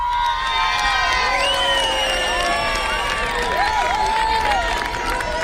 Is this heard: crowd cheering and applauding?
yes